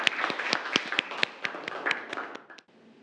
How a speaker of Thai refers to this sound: เอาปรบมือให้สองคนนะครับ